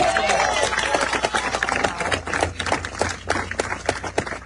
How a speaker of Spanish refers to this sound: así que un fuerte aplauso para Blas.